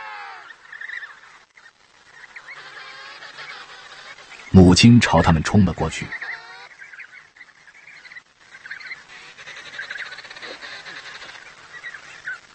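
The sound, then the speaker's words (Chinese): Thousands of penguin chicks call loudly in a shrill, overlapping chorus as their mothers return home with fish, swelling into an intense burst of harsh, honking cries midway before settling back to steady chattering, with a narrator speaking briefly. “小企鹅高兴地狂叫起来。”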